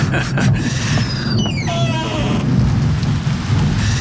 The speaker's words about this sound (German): Oh nein, Chief, jetzt regnet es auch noch.